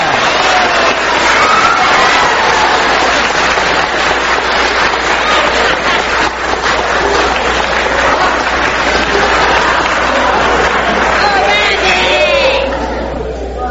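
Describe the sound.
A large crowd at a show applauds loudly and steadily to welcome a performer, with cheers and shouting voices mixed into the dense clapping, holding strong for over ten seconds before easing off at the very end.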